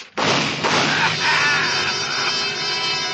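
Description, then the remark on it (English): A door bursts open with a sudden heavy bang, then loud gunshots blur into a dense, roaring clatter that carries on for a few seconds without letting up. “When the door flew open, I ducked and the shots came.”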